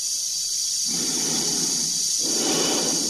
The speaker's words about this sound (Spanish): Se escucha su respiración dentro de la escafandra.